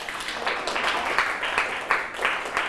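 A group claps for a classmate who has just answered a question about safe, healthy food, a steady burst of applause, dense and fairly loud throughout, with a few sharper claps standing out. No one speaks over it.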